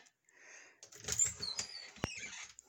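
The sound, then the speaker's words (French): A wardrobe door is opened by someone looking for a microphone windscreen: soft scraping and faint rattling, a squeaky creak, then a sharp click about two seconds in, followed by light knocking. Quiet overall, with no talking. “Là, j'ouvre la porte de mon garde-robe, c'est pas parce que je vais m'installer dedans, là.”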